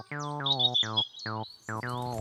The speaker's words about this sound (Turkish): O bir kara tavuktu çocuklar. Tavuk mu? Tavuk değil, kara tavuk